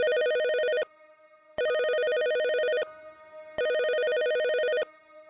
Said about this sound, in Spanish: Pero un teléfono seguía sonando sobre uno de los escritorios.